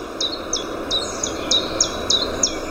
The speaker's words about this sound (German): Das hier war zum Beispiel ein Zilpzalp. Das ist der Name gar nicht so weit weg vom Gesang.